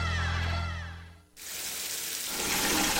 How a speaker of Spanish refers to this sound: Hoy sí puse una cubeta mientras salía el agua caliente para utilizarla después y me bañé en menos de 5 minutos.